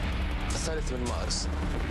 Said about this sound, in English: You would have heard this crackle of gunfire.